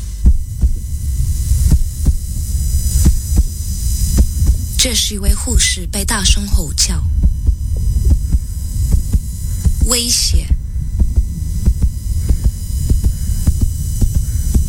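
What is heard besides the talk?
heartbeat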